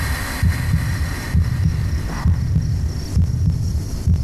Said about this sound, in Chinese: 什么我的心跳如此之快？